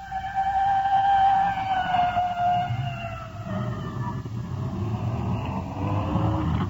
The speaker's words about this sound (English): It's red, fire department, rescue squad. Slowing down. We're pulled over to the side now. Let the respirator truck go by. Here she goes.